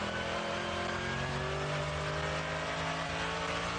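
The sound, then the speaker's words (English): A racing car's engine drones steadily past in light fog, a fairly loud, continuous motor hum with a slowly shifting pitch, heard on its own with no voices. “Car off to the right there.”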